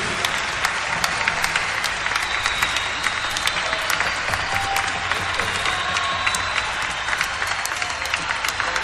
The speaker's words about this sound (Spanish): Y el gran aplauso se lo lleva la Orquesta Sinfónica de Mendoza.